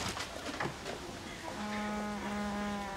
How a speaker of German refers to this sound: Oh, die Fliege! Madonna mia.